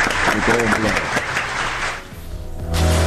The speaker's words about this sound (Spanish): fuerte el aplauso para ella. Bravo